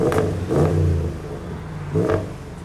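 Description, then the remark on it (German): A car engine revs hard in three bursts with a loud, rumbling exhaust, each rise in pitch falling back to a throaty idle between them, with no voices. The car has an undersized middle silencer, and its exhaust measures 94 decibels, 9 more than the allowed 85. “Dazu ergibt die Lautstärkemessung, aus dem Auspuff kommen mehr Dezibel als erlaubt.”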